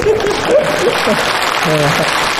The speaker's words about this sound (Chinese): 给你大姑鼓鼓掌。